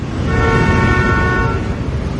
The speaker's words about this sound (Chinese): 乱鸣笛是不文明的行为。